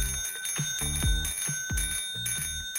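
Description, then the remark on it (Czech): A bicycle bell rings repeatedly in quick bright dings, about six strikes in a brisk, slightly uneven rhythm, each with a short metallic ring-out, heard on its own at moderate volume. “vy hledáte ve vysílání jednoduchý zvuk, který má snad každý kolo.”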